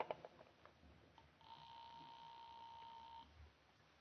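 telephone being dialed

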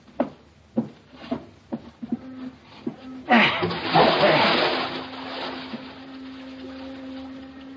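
body splashing into water

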